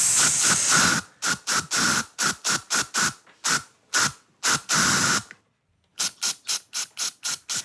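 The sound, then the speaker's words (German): A deodorant spray can hisses in a quick series of short, loud bursts, tapping out the rhythm of a song for a guess-the-song game on the Ö3 Wecker radio show, with one brief pause near the end; no one speaks. “So, jetzt aber, bitte, der Ö3 Wecker Deo Spray Song des Tages.”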